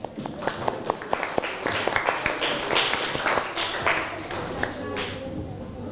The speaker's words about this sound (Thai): ให้กลุ่มที่2ก่อนปรบมือให้กลุ่มที่2หน่อยเร็ว